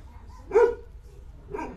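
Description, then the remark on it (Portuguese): A small dog barks twice, two short sharp yaps about a second apart, moderately loud over a low background hum. “o cachorrinho vai aqui hoje, tá virado numa fera, hein”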